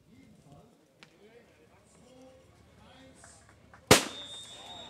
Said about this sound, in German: Der Startschuss ist gefallen durch Ministerpräsidentin Anke Rehlinger